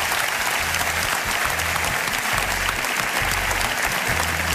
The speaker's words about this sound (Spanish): Así que da un fuerte aplauso para todos estos compañeros de la SER.